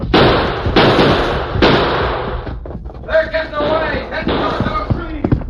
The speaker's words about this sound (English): Now stay down when you run and keep on firing.